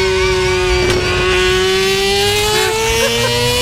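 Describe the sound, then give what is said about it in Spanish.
A voice imitates a Formula 1 car engine, holding a loud, steady, buzzing whine whose pitch climbs slowly, like an engine revving up, for several seconds without a break. “No es el de la Fórmula 1, pues vamos, es una imitación.”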